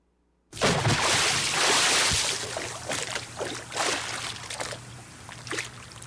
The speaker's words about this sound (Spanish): ahí quedó el baldazo de agua para doña Elvirita